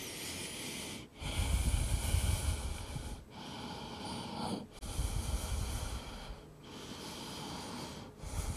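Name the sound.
slow breathing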